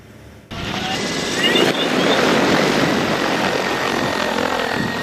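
An agricultural crop-protection drone's rotors roar into a loud, steady whir as it flies a spraying run over a rice paddy in Jiajiang County, Leshan, Sichuan, China, starting abruptly after a brief quiet moment and holding a constant buzzing drone with some wind rush.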